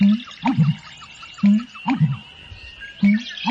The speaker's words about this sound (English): An American bittern.